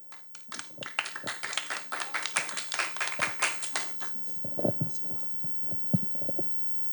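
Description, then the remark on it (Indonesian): An audience at the second round of RRI Serui's Bintang Radio 2026 bursts into applause for contestant number 12, a dense rush of many hands clapping that holds for a few seconds, then thins into scattered, duller claps and thumps before trailing off. “Minta tepuk tangannya sekali lagi kepada peserta dengan nomor tampil 12.”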